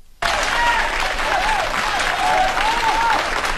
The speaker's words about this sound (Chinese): 从大家的掌声啊，我听出来了， 什么呀？ 大家还是比较喜欢我们俩的。